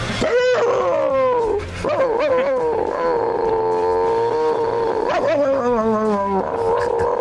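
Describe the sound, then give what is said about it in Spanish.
A person imitates the bark of the neighbour's chihuahua, Klotsky, with a few loud, drawn-out yelps and whines that slide up and down in pitch, one running into the next. “Cabrearlo, y le hacía el mismo ladrido que hacía él, que era una ver.”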